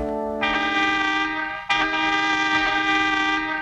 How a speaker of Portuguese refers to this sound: Ó, o buzinaço